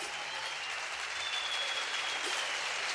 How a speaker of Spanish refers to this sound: Un aplauso, por favor